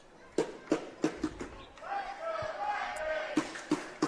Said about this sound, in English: So you can hear the crowd getting into it early. 92 degrees the current weather here in Morgantown. It's a hot one.